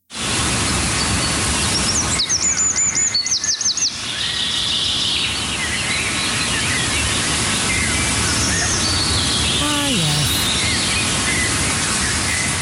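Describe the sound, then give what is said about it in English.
Outdoor ambience with songbirds calling and chirping, including a quick run of high repeated notes early on and a descending whistle later, set against a steady background hiss. “Spend even the smallest amount of time outdoors and you will, of course, hear the sweet, gentle sounds of bird calls, the chickadees and sparrows, the warblers and wrens.”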